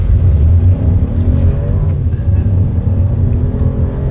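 A car engine runs loudly and steadily, its low rumble rising and shifting in pitch as it revs, with no voices over it, as a young person with a visual impairment drives with a driving instructor at Bulltoftabanan in Malmö.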